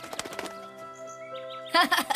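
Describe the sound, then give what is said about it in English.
A quick flurry of flapping wings as a released bird flies away, first light and rapid, then a louder burst of beats, with a thin chirping tone hanging in between. “Take the 2 coins, and now release the bird.”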